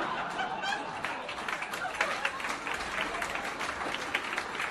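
A crowd applauds steadily for the next act, a dense wash of many hands clapping at once, holding at an even, fairly loud level throughout with a few brighter claps and faint laughter mixed in.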